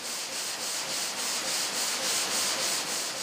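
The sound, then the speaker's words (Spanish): A continuous abrasive grinding of saws cutting a block of marble into slabs in India, the saws continuously cooled with water, steady and harsh with a faint rhythmic pulsing in the high hiss, no voices present. “Cortar un bloque de mármol en losas lleva casi 5 horas. Para evitar que las sierras se sobrecalienten, se enfrían continuamente con agua.”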